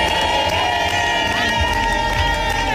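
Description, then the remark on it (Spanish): A team of young women loudly sings a rhythmic victory war chant together in a locker room, voices blending into a steady, energetic roar with shouts mixed in. It is the war chant taught by captain Alba Torrens and sung in that locker room for many years, with the words 'Este es mi sitio, esta es mi gente'. “Lo han cantado todo y a las jóvenes les ha tocado aprenderse el cántico de guerra, el que les ha enseñado la capitana Alba Torrens y que lleva en ese vestuario muchos años.”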